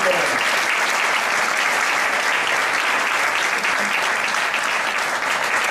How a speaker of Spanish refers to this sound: pero se merece un fuerte aplauso.